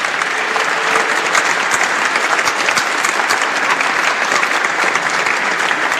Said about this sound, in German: Also da auch einen großen, großen Applaus. Viele Biertische, genau, die gekommen sind. Ihr könnt schon klatschen.